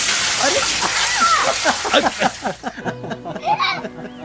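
A heavy rush of water pours and splashes for a couple of seconds while several people shout and laugh close by, the laughter carrying on after the water stops.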